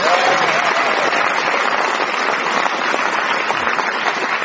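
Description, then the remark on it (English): A studio audience breaks into steady, sustained applause welcoming two guests, Gordon Kennedy and Mira Sayal, a dense wash of many hands clapping at an even loudness for several seconds, with no voices standing out. “But those of you who are listening will now hear the studio audience welcome two people from the world of reading scripts for money, Gordon Kennedy and Mira Sayal.”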